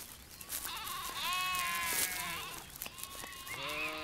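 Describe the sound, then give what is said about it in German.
Sheep grazing insect-rich dry grassland to keep it from being overgrown bleat in several overlapping calls, wavering and nasal with rising and falling pitch, over a steady outdoor background hiss. No one speaks. “Damit die insektenreichen Mager- und Trockenrasen nicht von Büschen oder schnell wachsenden Pflanzen wie Brennnesseln überwuchert werden, sind die Schafe vom Frühjahr bis in den Herbst im Einsatz.”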